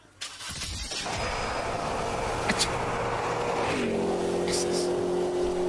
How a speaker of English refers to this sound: Let's get that engine started.